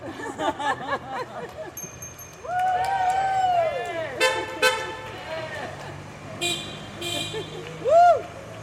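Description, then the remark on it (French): Several car horns honk amid morning street traffic, a mix of long sustained blasts and short sharp toots, loud, with people talking briefly at the start. “Ah bah oui, du coup, ça klaxonne.”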